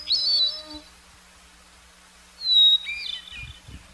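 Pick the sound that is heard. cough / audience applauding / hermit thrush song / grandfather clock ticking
hermit thrush song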